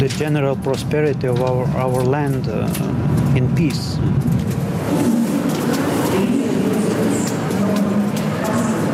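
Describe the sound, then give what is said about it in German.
A train pulls into Riga main station in the morning, a few minutes late, a wavering metallic squeal at first giving way to a steady rumble and hiss, with voices talking in the background. “Nur mit wenigen Minuten Verspätung erreicht der Zug am Vormittag den Hauptbahnhof Riga.”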